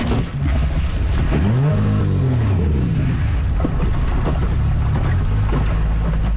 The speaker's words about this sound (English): There is a sound of archaeologists heading out by boat to Double Mare Point near Rigolet.